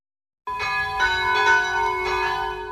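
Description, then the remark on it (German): At 12 noon, the bells of the St. Rupert church centre in Fürstenbrunn near Salzburg ring out together after a brief silence, their sustained tones overlapping in a dense, shimmering peal with repeated strikes swelling roughly every half second, fairly loud and resonant. “Es ist 12 Uhr. Sie hören die Glocken des Kirchenzentrums St. Rupert in Fürstenbrunn bei Salzburg.”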